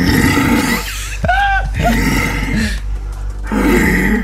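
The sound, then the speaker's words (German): A red deer stag bellows in deep, guttural roars during the rut, several drawn-out groaning calls in sequence, loud, with no talking over them. “gar kein Bär, sondern ein Hirsch in der Brumpfzeit.”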